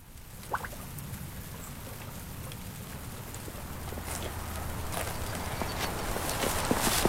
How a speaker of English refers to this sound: The rainy sounds of livestock and vegetable production at Rock Bottom Ranch.